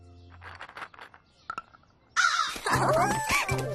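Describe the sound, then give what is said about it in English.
After a few soft, muffled voice-like sounds, crows being fed walnuts suddenly break into loud, harsh cawing, several raspy calls overlapping in a noisy burst that continues to the end. “I've got a special treat for the crows today.”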